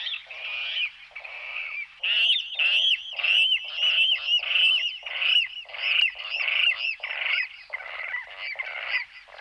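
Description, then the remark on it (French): A water rail calls close by, a loud, harsh series of squealing, grunting notes repeated rapidly and almost without pause for the whole stretch, with no voices. “Il est très difficile à observer, et voilà, le râle aquatique qu'on a eu la chance de très bien entendre tout près de nous.”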